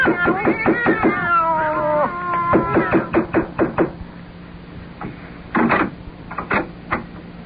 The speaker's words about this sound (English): Do you have cats in there? No. Cats? Didn't you hear them? No. You didn't hear the sound of cats just now? No, I didn't.